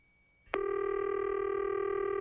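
Before a prank phone call to a carpet cleaning business, after a brief quiet moment, a telephone line clicks open and a steady, continuous phone tone hums loudly and evenly until the end, with no voices.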